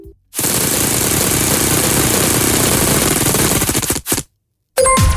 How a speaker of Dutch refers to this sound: Zeg, dat spelletje met die letter, dat rad dat we aan moeten draaien, hebben we ook nog niet gedaan. Dus dit lijkt me het ideale moment. Ga er eens een spin aan geven aan dat grote rad, dat grote letterrad.